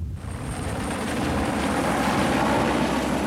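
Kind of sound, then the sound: vehicle, helicopter approaching overhead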